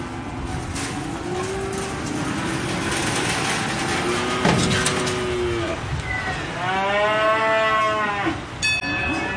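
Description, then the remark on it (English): Several cattle moo loudly and repeatedly at a feeder cattle auction market, their long, drawn-out calls overlapping against a constant background rumble and clatter of a busy, crowded pen, with a sharp metallic clank near the end. “We average between 5 and 600,000 cattle through here for the last 10, 15 years.”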